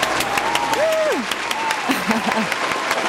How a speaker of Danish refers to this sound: Har vi ikke lige en klapsalve? Vi har en klapsalve.